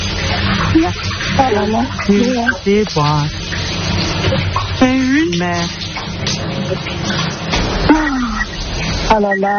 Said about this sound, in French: Un chanteur qui prend sa douche